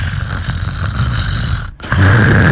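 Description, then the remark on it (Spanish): A person imitates snoring: a loud, rasping, rumbling drone that breaks off briefly for a breath, then resumes even stronger. No talking is heard. “Tiene su ronquidito ahí.”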